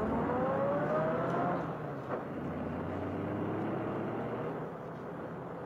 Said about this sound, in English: After minutes that seemed like hours, she heard her visitor open the car door, slam it shut, start the motor, and drive away in an angry spurt.